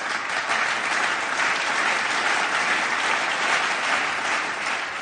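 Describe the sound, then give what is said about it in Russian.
Loud, sustained applause from a large crowd greeting a girl and her horse at the results of a competition, a dense continuous roar of clapping hands lasting several seconds without pause, no voices standing out. “Их встретили громом аплодисментов.”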